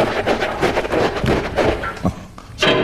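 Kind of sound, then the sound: household object, door being opened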